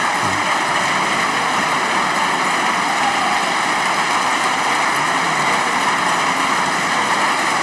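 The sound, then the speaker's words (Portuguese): Long, sustained applause from the benches of Portugal's parliament, the Assembleia da República, mostly from the left: a dense and steady wash of clapping that holds at the same loud level for the whole stretch, with no voices standing out. “Longo aplauso das bancadas, sobretudo à esquerda.”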